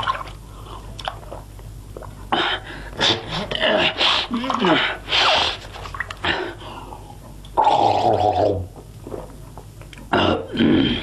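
Water splashes in irregular bursts, mixed with wet gargling and gulping mouth sounds, as someone washes their hands and face and drinks water. The bursts are loud and uneven, with short pauses between them.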